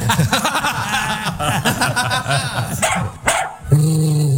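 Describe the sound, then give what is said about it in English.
A dog, Windsor the Gaither Pup, barks and yips in a rapid run of short bursts, ending with a longer, steadier whining note, during a segment on Homecoming Radio. “That's Windsor the Gaither Pup with his own Instagram page and featured segment exclusively here on Homecoming Radio.”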